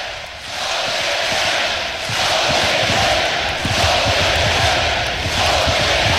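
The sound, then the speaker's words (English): A large crowd at a baseball game roars and cheers continuously while Mac Moyer bats, a loud, dense wall of voices that swells slightly and holds steady throughout, with no individual speech standing out. “Well, hard to stay within yourself when you got this many people cheering you on.”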